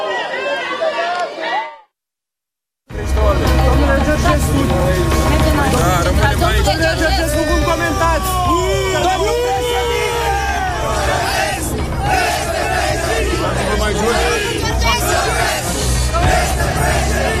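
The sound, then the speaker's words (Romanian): After a brief snippet of speech and a short silence, a large crowd of supporters yells and shouts in a dense, continuous, loud roar of overlapping voices as a car carrying former presidential candidate Călin Georgescu arrives and enters the gate of the central detention facility. “Îi auziți acum cum urlă, fac asta de fiecare dată când văd că o mașină vine aici și intră pe poarta arestului central.”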